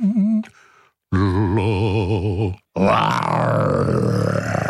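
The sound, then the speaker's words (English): A person imitates a lion's roar with loud, growling vocal bursts: a short voiced note, then a long wavering guttural roar, and a raspy, noisier roar after a brief pause. “I love my voice when I do a lion.”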